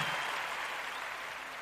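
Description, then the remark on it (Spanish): Steady applause from an audience for the Filarmónica de Mendoza in Mendoza, Argentina, a dense wash of many hands clapping at once, sustained and fairly loud throughout with no voices standing out. “fuerte el aplauso.”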